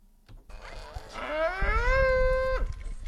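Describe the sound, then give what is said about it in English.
A single cow lets out one long, loud moo at a livestock show, rising in pitch and holding before breaking off abruptly, over a low background rumble. “But an after-school cattle club is turning inexperienced students into junior exhibitors who are taking the Western show circuit by storm.”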